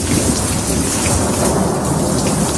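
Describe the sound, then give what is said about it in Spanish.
A summer thunderstorm: heavy rain pours down in a dense, steady roar, with deep thunder rumbling underneath throughout. It is loud, and no one speaks. “Son las típicas tormentas de verano como la que nos sorprendió ayer por la tarde.”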